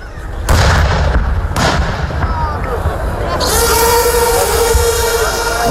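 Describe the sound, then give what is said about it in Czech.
Loud booming blasts of artillery fire during a military exercise, a couple of sharp reports early on, then sustained rumbling and roaring noise, with what sounds like vehicles or machinery in the background. “topništvo, logistička potpora, znači to je cijela priča jednog borbenog rasporeda u obrani”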